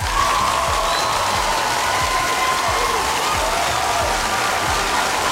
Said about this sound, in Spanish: Nadie se ha equivocado, eso se merece un fuerte aplauso. Lo ha hecho muy bien, familia.